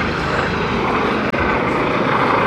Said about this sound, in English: This helicopter is directly overhead. I've never seen one so close.